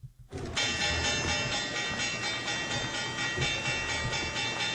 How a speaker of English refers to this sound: All right. Love hearing that bell sound.